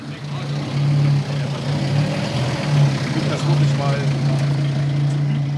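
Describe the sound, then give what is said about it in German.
A fire engine's diesel engine runs steadily as the truck is positioned, a deep droning hum with a gritty rumble that swells slightly now and then, with faint indistinct voices mixed into the background. “Zuerst wurde das Feuerwehrauto ausgerichtet.”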